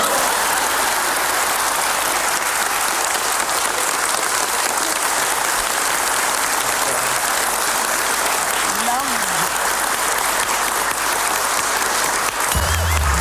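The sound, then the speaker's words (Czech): A steady wash of audience applause, many hands clapping densely and evenly at a loud, constant level for over ten seconds, with a brief low voice-like sound near the end. “Perfektní prognóza, promptně provedu. Potlesk!”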